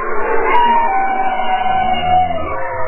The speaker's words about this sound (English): Kate Stafford is a biologist and oceanographer at the University of Washington, and she and her colleagues have been cataloging that soundscape of the deep, like these bowhead whales and bearded seals.